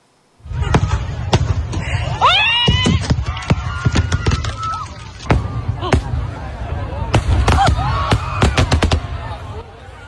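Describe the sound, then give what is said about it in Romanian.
Fireworks crack and bang in rapid, irregular bursts at a pyrotechnics festival in Spain, where a malfunction sent fireworks into the area where the public stood, over a constant roar of crowd noise, with voices shouting and a scream rising among the blasts. “O defecțiune a trimis artificii în zona unde se afla publicul și, atenție, urmează imagini și informații care vă pot afecta emoțional.”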